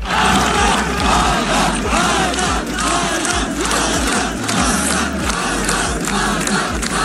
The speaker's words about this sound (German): Als er ins Ziel gelaufen ist, hat man ihm das auch richtig angesehen, wie er sich gefreut hat, es geschafft zu haben, genauso wie sein ganzes Team, und eben auch alle Zuschauer haben dann seinen Namen im Chor gerufen.